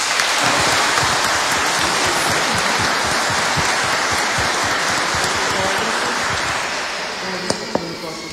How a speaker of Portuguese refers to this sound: Vamos dar uma salva de palmas para ela?